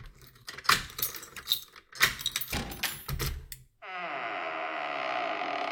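Keys jangle and rattle for several seconds, then an old door swings open with a long, loud, groaning hinge creak that drones on steadily.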